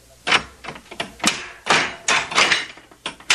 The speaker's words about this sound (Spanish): Paje, abre la puerta de la casa de mis tesoros.